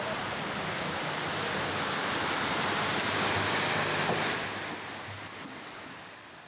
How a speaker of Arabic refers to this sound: طوفان بمدينة سليم